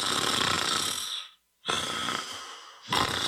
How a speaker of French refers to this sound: Hey, réveille-toi, tu ronfles encore! Vos nuits ressemblent à ça? Le ronflement peut cacher un trouble du sommeil.